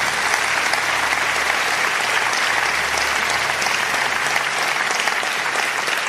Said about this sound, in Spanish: Vamos, dale un aplauso al Señor.